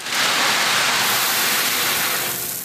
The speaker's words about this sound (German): Wäre die Zisterne heute schon fertig, hätte sie direkt ordentlich zu tun gehabt. So prasselt der Regen hauptsächlich auf uns.